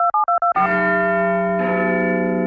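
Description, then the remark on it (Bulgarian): A few quick telephone keypad beeps, then the deep, ringing bell of Big Ben's clock tower in London strikes loud, its hum sustaining before a second strike rings out over it. “Да, кулата на Биг Бен.”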